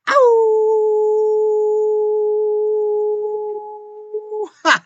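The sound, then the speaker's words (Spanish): A person imitates a howl with one long, loud note that rises briefly, then holds steady for about four seconds before breaking off with a short vocal burst. “Y yo, como siempre les digo, les envío un gran aullido.”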